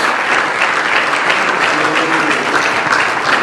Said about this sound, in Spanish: Denle un aplauso al Señor si puede, por favor, por favor.